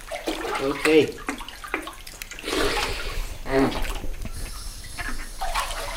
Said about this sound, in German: Um zu erkennen, wohin Robby gleich abtaucht, gehe ich ins Wasser.